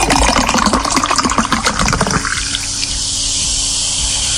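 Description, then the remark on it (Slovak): Fizzy soda water pours in a dense, splashing rush for about two seconds, then settles into a steady, soft fizzing hiss of bubbles, with no voices. “A sóda, alebo teda umelá voda s bublinkami vznikla takmer pred 260 rokmi.”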